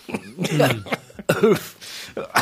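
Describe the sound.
A person coughs a few times, short harsh bursts separated by brief pauses, with some throaty voiced sounds mixed in between.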